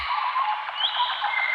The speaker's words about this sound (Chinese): 鸟鸣，溪流，森林，草原，大海。